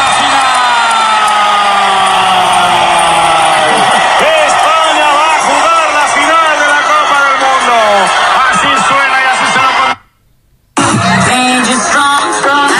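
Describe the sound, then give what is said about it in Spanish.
Thousands of people at a big-screen public viewing in the Plaza Multicultural in Melilla, Spain, cheer, shout and whoop continuously after a Spanish national team victory, a large, loud crowd with many voices overlapping, broken by a brief moment of silence before the roar resumes. “Bueno, pues efectivamente, miles de melillenses se concentraron allí y disfrutaron.”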